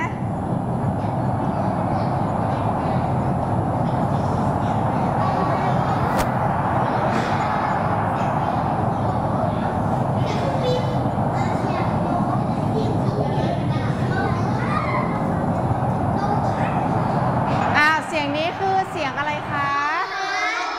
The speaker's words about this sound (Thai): เสียงอะไรคะ ลมพ ัดเสียงลมพัดหรือว่าเสียงลมทำไมคะลมพายุใช่ไหมคะเวลาพายุมาเนี่ยเด็กๆได้ยินเสียงลมไหมคะ ได ้ยินใช่ไหมคะดังเลยใช่ไหมคะอันนี้ก็คือเป็นเสียงลมพายุนั่นเองค่ะ